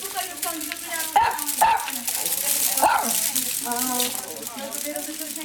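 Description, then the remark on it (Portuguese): A dog barks a few times in quick, sharp bursts over a steady hiss like running water, with people talking. “Até mais tem aí mais dois cães?”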